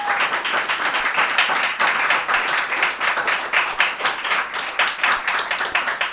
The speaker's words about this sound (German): Bitte auch nochmal einen Applaus